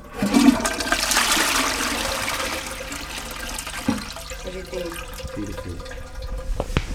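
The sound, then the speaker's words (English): A toilet flushes, a loud rushing swirl of water that peaks early and then drains down into a gurgling, trickling refill with a few small knocks, as pomegranate seeds are flushed down it. “So here I'm flushing in the sacred toilet some pomegranate seeds.”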